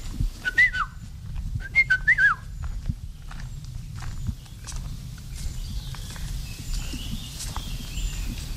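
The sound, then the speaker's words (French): Two short, fluty whistled phrases from a yellow-and-black bird in the canopy ring out early, clear, over a steady crunch of footsteps and rustling that continues after the song stops. “Et si on pouvait le voir, bon, souvent on ne le voit pas, il est dans la canopée, c'est un oiseau jaune et noir.”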